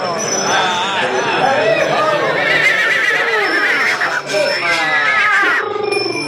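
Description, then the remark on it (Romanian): A tall, thin, black horse with an arched neck neighs and whinnies repeatedly at a horse fair in Döbrück, its wavering calls rising over a busy, steady murmur of crowd noise and indistinct voices. “Cei mai mulți oameni s-au strâns în jurul unui cal, înalt, subțire, negru, cu gâtul arcuit.”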